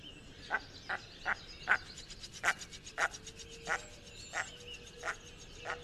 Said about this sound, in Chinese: 然后繁殖季的时候呢，雄鸟会发出比较奇怪的这个 Vega 的这样的叫声 哦， Vega 的声音哦。那 我们再来听听， 我们来听听它的那个叫声 Vega Vega 的叫声。